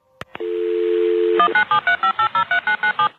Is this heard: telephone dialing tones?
yes